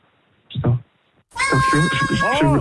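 A cat meows twice: first a short, clipped mew, then after a brief pause a longer, drawn-out meow whose pitch wavers and bends before trailing off.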